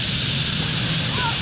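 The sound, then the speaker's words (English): A steady, dense rushing whoosh of thousands of purple martin wings beating at once as the birds dive into trees at their nightly roost, a continuous airy hiss with no breaks, fairly loud throughout, with faint murmuring voices underneath. “Before long is the dramatic whistle and rush, the stage of the nightly roost when birds dive into the trees, and you can hear thousands of wings cutting through the air just above your head.”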